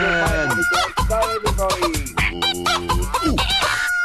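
A loud, dense chorus of birds squawking and crowing over one another, with rapid overlapping calls filling the whole stretch and no pauses or talking.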